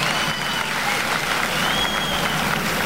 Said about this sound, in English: Thank you. Give the band a big round of applause.